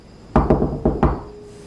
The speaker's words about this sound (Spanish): Un segundo, alguien llama a la puerta.